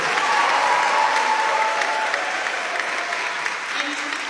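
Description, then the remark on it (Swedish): Sustained applause and cheering from a crowd at a town meeting in Luther Place church in Washington, welcoming the Democratic nominee for mayor; a steady dense clatter of clapping with cheering voices that holds at an even, loud level for the whole stretch without pause. “Jubel och applåder”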